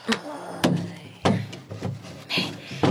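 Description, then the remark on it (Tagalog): A jewelry box is put back into a wooden drawer: a handful of sharp wooden knocks and short scraping rubs, spaced irregularly across a few seconds, fairly loud against a quiet background. “Eh, ang iyang jewelry box, iuli ko ni sa drawer, ah.”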